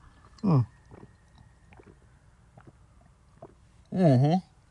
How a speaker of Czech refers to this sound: Kdo máte po ruce pití, lahev, flašku nebo nějaký pítko, tak pojďme se napít. Já tady mám 0,5 litr vody, tak si to dáme takhle živě.